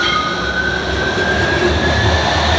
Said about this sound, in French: Le croisement de deux tramways.